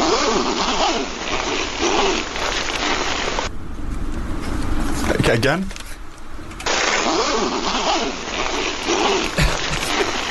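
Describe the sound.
A long, raspy zipper pulled in drawn-out strokes, fairly loud, pausing briefly midway before zipping again. A voice speaks briefly during the pause.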